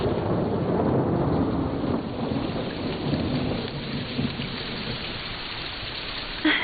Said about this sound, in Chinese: 哎，你看，雨滴在屋檐上跳舞呢。是啊，刚才是莲花舞，哎呀，现在是彩带舞。